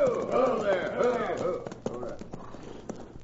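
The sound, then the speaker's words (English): Hooves of two ridden horses clop on a hard road, a few scattered hoofbeats drawing closer, mixed in with voices and murmuring at moderate volume. “Here come 2 riders.”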